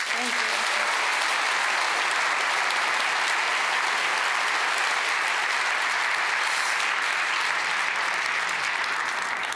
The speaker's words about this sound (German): Einen ganz großen Applaus und auch natürlich herzlichen Glückwunsch an das gesamte Team